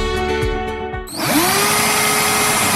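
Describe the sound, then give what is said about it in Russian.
A rotary hammer drill hums with a steady motor whine, then surges into a loud, harsh, continuous roar as it spins up, with no voices. “От телевизора до перфоратора.”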